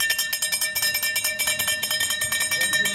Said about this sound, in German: Ja, das ist das Klingeln vom Eismann, ist doch ganz klar, ja. Wenn der Eiswagen kommt, dann rennen alle los, oder?